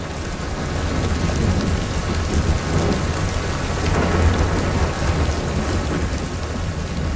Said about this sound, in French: Ah, le doux son de la pluie. Est-ce que vous êtes fatigué de l'entendre ces derniers jours? Ben oui, hein? Un son qu'on connaît bien.